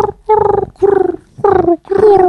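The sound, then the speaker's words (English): A person's voice imitates a pigeon, giving four throaty, low, warbling coos in a steady rhythm, each about half a second long with short pauses between. “Can you do a pigeon noise?”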